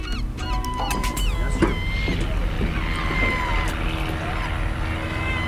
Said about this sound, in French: Alors, il y a quelques avions qui nous survolent, normal. Il y a un petit aéroclub ici, nous volons souvent.